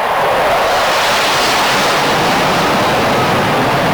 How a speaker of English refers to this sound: It came to you just like a jet flying by. That rush you heard was my mind at work.